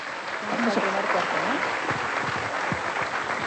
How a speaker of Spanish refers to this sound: Un aplauso para todos nuestros médicos, por favor.